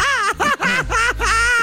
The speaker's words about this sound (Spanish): Ah, no, te echaste un grito ranchero.